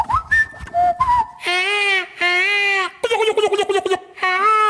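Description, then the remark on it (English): Bird noises played on The Alphabet Show, Great Southern FM 100.9 radio: a few short whistled tones at rising pitches, then a run of loud, nasal, wavering squawks and bleating calls in quick bursts, with no talking. “Listen to these bird noises.”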